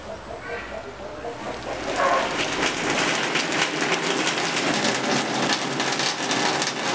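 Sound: rain falling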